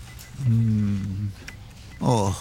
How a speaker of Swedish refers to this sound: Och dessutom kurrar magen.